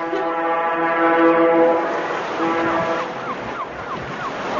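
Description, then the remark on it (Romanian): A ship's siren blares a long, steady low-pitched wail, then its tone wavers and bends in short sliding swoops, over a constant rush of wind and sea noise. “Sirena șuiera de zor.”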